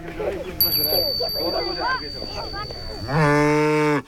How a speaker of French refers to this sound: Tiens, une vache. Une vache verte. La vache est couverte de poudre verte.